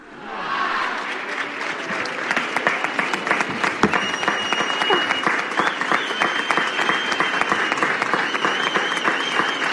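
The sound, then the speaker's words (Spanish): A large crowd in the town hall square (plaza del Ayuntamiento) in Elda applauds the herald of the 2026 Elda Fallas festival, a dense wash of clapping that swells early and holds at full strength, with scattered cheers and a few whistles rising above it. “Muchos aplausos escuchamos en la plaza del Ayuntamiento”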